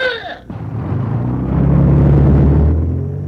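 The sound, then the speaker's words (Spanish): A car engine rumbles steadily with a deep, low drone that swells slightly as it drives on, loud; a brief higher bleating-like tone sounds at the very start. “Este es un carro tronqui.”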